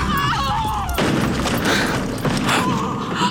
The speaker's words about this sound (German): Allmächtiger, die Kutsche ist umgestürzt. Es schien fast so, als ob die schwarzen Pferde vor dem Marienstandbild in der Kurve gescheut hätten.